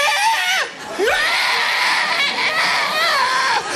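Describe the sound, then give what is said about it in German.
A person imitates the noise of an ostrich running at them with its wings out, a loud, strained, screechy vocal noise that holds for almost four seconds, swooping up and down in pitch, with one brief dip and restart early on. “Ich schaue die Strasse an und plötzlich taucht ein Strauss auf, Flügel draussen, rennt auf mich zu und das Geräusch einfach, taucht auf mich.”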